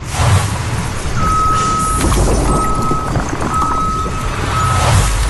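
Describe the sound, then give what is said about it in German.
A tow truck's reversing alarm beeps in a steady, evenly spaced series of four long tones, loud over rumbling engine noise and ambient outdoor clatter, at a towing service. “Heute sind wir bei Auto Gräf beim Abschleppdienst.”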